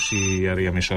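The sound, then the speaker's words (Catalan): A telephone rings for an incoming call with a steady, buzzing tone that holds for most of the second, loud, while a person talks over it. “seguim aquí al 107.2 i com sentiu hi ha trucada”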